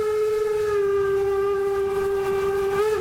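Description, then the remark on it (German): A steam train's whistle, heard from the platform of the first wagon right behind locomotive 99-7234, holds one steady, piercing note for about three seconds, rich in overtones, over a constant rumbling, hissing roar of the moving train. No one speaks. “Wir stehen hier einen Meter auf der Plattform vom ersten Waggon hinter der 99-7234.”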